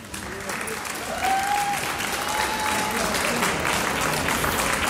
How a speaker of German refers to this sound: Es geht gleich weiter mit einem Volksschulchor aus dem Bezirk Völkermarkt, ganz genauer gesagt aus der Bezirkshauptstadt Völkermarkt. Wir begrüßen mit einem kräftigen Applaus den Schulchor der Volksschule Stadt Völkermarkt.